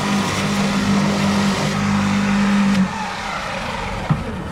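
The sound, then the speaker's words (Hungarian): An electric lawn scarifier in a small garden runs with a steady, low droning hum and a rough whirring texture for about three seconds, then switches off, leaving faint background noise and a single soft knock. “Ez egy elektromos szellőztető? Elektromos szellőztető. Van benzinmotoros is, de ilyen kis kertre nem érdemes befögni, hogy meg... Ennyi hangja van csak.”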